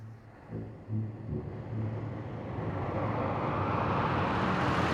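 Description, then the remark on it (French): A large convertible Cadillac drives up and stops, its low engine rumble and rushing road noise growing steadily louder over a few seconds, with no voices. “Heureusement, après quelques minutes, une grosse voiture décapotable s'arrête à leur hauteur.”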